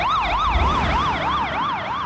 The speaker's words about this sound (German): Genau, das ist so ähnlich, wie wenn man sich auf so eine Schallquelle zubewegt und der Ton dann anders klingt. Ah, wenn so eine Sirene an einem vorbei, Doppler-Effekt. Genau, ja, richtig, genau, der Doppler-Effekt.